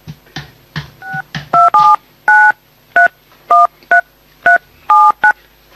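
A string of about ten telephone keypad dialing tones beeps out at an uneven, quick pace, each two-pitched tone clear, preceded by a few soft clicks and rustles, as a girl dials a phone call to her grandmother.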